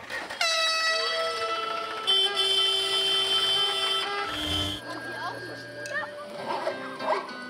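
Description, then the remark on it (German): A honk concert of tractor horns at a tractor cinema (Trecker-Kino), marking the start of the film once it is dark: several long sustained tones at different pitches overlapping loudly for seconds, the mix shifting partway through as some horns drop out and others join. “Sobald es dunkel genug ist, läutet ein Hubkonzert den Filmbeginn ein.”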